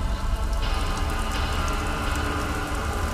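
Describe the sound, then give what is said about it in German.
Steady rain falls and patters on a hard surface, a dense, continuous hiss with scattered drop impacts, constant throughout with no voices. “Leute blickten aus dem Fenster in den regennassen Himmel”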